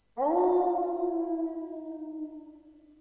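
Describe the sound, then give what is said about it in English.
A single long, sustained wolf howl rises sharply and then holds steady, slowly fading over about three seconds. It sounds clear, with no talking. “Serigala. Serigala. Wolf. Wolf. Dhi'bun. Dhi'bun.”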